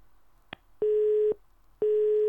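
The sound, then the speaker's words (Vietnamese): Two loud, steady telephone busy-signal beeps at a single mid-low pitch, each lasting about half a second with a short gap between, preceded by a faint click; no talking. A phone call to a listener of the late-night radio programme Đường Khuya fails to connect. “Chứ đến hai lần tít tít như thế này là Ngọc Diệp cũng thấy là lần đầu mới gặp phải.”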